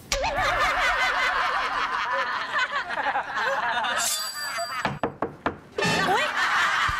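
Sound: knocking on a door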